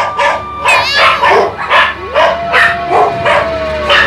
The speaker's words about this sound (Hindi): शांत हो जाओ चंद्र चंडी। कुत्तों का भौंकना रुक जाता है।